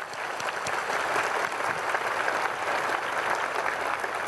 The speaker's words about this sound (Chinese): 请大家以欢喜心热烈鼓掌。